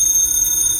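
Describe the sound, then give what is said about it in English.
A telephone rings at 4 o'clock in the morning in a house in Beverly Hills, with a loud, continuous high-pitched electronic tone that holds steady through the whole short burst, with no voices. “The phone. That's a phone.”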